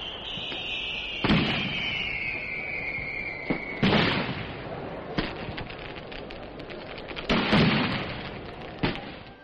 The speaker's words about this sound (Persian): در زمانی که اولین خمپارهای آتش بازی شد، هنوز تاریک بود اونجا و خیلی وحشت ایجاد کرده بود، ولی خب بلافاصله چراغ‌ها روشن شد و همه متوجه شدن که آتش بازی.